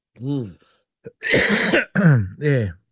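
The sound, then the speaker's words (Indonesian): A burst of harsh, throaty, genuine coughing: several rough, raspy coughs in quick succession over about two seconds, with a voiced, strained edge and short pauses between them. “Ini batuk bana ni. Batuk bana ni. Bukan yang main-main.”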